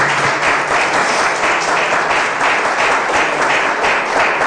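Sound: audience applauding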